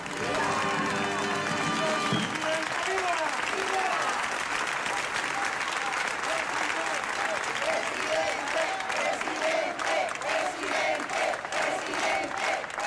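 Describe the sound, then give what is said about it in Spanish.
A large protest crowd shouts and chants over steady clapping, a dense, loud roar of many raised voices that holds unbroken for the whole stretch. “Gritos en la manifestación muy distintos a los que se dirigieron al presidente de la ciudad autónoma, Juan Jesús Vivas.”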